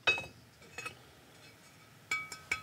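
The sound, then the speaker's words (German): Several sharp taps on a newly fired clay pot, just taken from a cooled kiln in Avanos, Cappadocia, as a master potter tests its firing quality by sound. The taps are spaced irregularly, with most strikes leaving a brief, clear high-pitched ring. Fairly loud, with no talking. “Die Qualität des Topfes erkennt man am Klang.”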